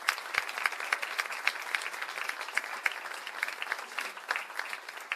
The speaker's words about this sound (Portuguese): Queria agradecer muito o nosso técnico de som, …. Salve de palmas.